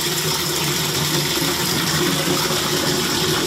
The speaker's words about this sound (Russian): Максим с утра пораньше набирает воду в ведра и тазики.